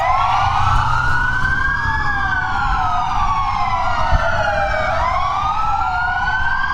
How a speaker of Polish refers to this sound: W południe w całej Polsce zawyły policyjne syreny. Mundurowi oddali hołd zabitemu funkcjonariuszowi z Dolnego Śląska.